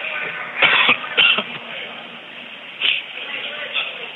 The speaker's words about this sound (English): I don't know why I'm coughing so much these days.